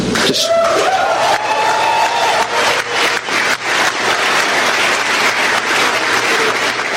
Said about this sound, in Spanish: Cargos contra Raúl Castro y otros más por conspirar en el asesinato de estadounidenses, y comenzaron los aplausos como usted escuchó en este anuncio.